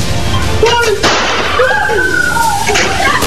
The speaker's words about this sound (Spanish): El delincuente disparó una vez más y esta vez el arma sí funcionó. El disparo casi le cae no solo a la víctima, también a un repartidor de delivery que intentó ayudar.